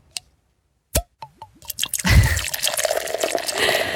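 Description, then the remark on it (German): Lukewarm drinking water is poured into a glass: a few splashy drips and plinks at first, then a steady, gurgling stream that fills the glass, with no talking. “Oh, ich trinke jetzt ein bisschen lauwarmes Wasser gleich.”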